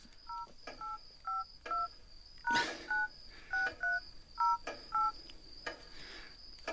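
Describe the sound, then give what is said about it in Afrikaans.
A mobile phone keypad beeps about ten times as a PIN, the user's birth year, is tapped in after 11 at night, short clear dual-tone presses at an uneven pace, with faint clicks and a thin background whine. “Dis seker omdat jy meer as 3 keer probeer het.”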